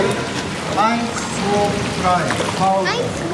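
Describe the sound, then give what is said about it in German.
Steady splashing of eight children's legs kicking in a swimming pool in Bad Homburg as they lie stretched out on the pool steps, hands resting on an upper step, practising breaststroke kicks; a continuous watery churn, with several raised voices calling out briefly over the noise. “8 Kinder haben sich auf den Treppen des Schwimmbeckens ausgestreckt. Ihre Hände ruhen auf einer oberen Stufe, die Beine strampeln im Wasser.”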